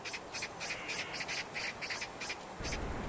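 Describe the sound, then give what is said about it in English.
Crows call in a quick series of about nine short, harsh bursts, fairly steady in rhythm and moderately loud, over a soft background hiss with no talking. “Smaller birds like crows are the first to discover dead animals.”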